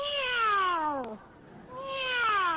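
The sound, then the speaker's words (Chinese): A person asked to imitate a dragon's cry instead imitates a cat, giving two drawn-out, mewing meows separated by a brief pause, fairly loud, with no other talk. “这是猫。”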